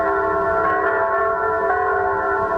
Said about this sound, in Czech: Po skončení obřadu se zcela zaplněná staroslavná katedrála rozezněla svatováclavským chorálem, do jehož tónu se rozezvučely všechny zvony chrámu svatého Víta.